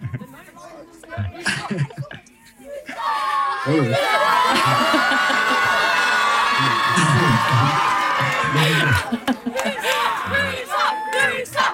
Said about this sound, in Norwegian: Ja, det er stor applaus.